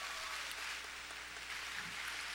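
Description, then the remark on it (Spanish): A crowd claps steadily in applause for Jesus, a dense wash of many hands without pause. No one speaks over it. “Un fuerte aplauso a Jesús.”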